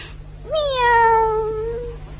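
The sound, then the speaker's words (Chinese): A single long, drawn-out cat meow rises sharply, then slowly falls and fades over about a second and a half. It is loud and clear, with no talking. The cat has been asked to sing into a microphone for a children's performance. “够了够了够了，小猫啊，我真可怜你。”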